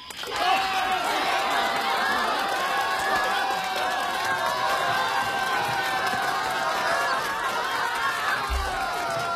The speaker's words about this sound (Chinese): 欢迎参加紫云英音乐会，同学们、老师们、父老乡亲们，让我们用最热烈的掌声和欢呼，欢迎我们的紫云英合唱团走进盛开的花田。